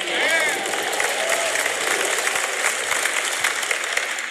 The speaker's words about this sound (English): If you can get people to clap for this, you can get them to clap for anything. You guys, Christians are professional clappers.